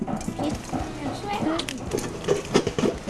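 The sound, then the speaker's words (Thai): Rice grains pop and crackle in a hot pan as they are roasted into puffed rice, with quick irregular snaps that grow denser toward the end. Voices murmur faintly in the background. “เฮ้ยเริ่มได้ยินแล้ว ได้กินแล้ว เฮ้ยได้เหมือนข้าวพองอะ ใช่ค่ะตื่นเต้นจังเลยดูซิเราจะทำไหมกันหรือเปล่านะ ทำได้ไหมครับพอไปเยอะอย่างเงี้ย โอ้ยังมีเสียงเม็ดข้าวอยู่เลยอ่ะ”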